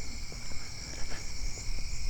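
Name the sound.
crickets chirping at night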